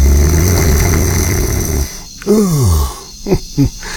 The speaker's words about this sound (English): Great. A snoring elephant.